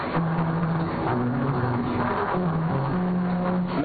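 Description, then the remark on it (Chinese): Tires of an electric sightseeing cart rolling at 35 to 40 km/h over a 380-metre musical road with transverse cut grooves, droning out a slow battle-song melody of low, buzzy sustained notes that step up and down in pitch over steady road rumble, with no voices. “当车速稳定在每小时35到40公里的时候，这条音乐公路横断方向切割的序列凹槽就会通过轮胎与路面切缝接触产生声音，奏出那首雄赳赳、气昂昂的战歌。”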